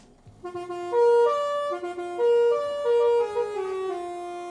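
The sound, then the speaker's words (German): A mobile library bus (Bücherbus) horn sounds a short, loud melodic tune of several stepped tones as the bus arrives at a stop in Kreis Paderborn, Germany, lasting a few seconds, with no talking over it. “So, jetzt sind wir da. Jetzt müssen wir einmal hupen.”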